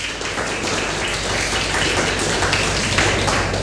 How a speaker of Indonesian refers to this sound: Oke, terima kasih, tepuk tangannya dulu dong.